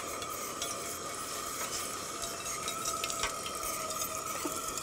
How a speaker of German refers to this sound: Machst du hier mal so viel Wasser rein? Ja, klar. Okay. Also maximal, ne?